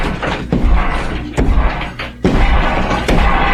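Heavy, booming bangs as someone works to break through a shared wall, reportedly with a hammer, land about four times at roughly regular intervals, each a loud thud with a deep low-end rumble, separated by a continuous dull background din.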